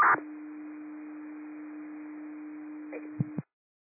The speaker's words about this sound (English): Concrete fire, these are cancellation tones for the Bravo NJ.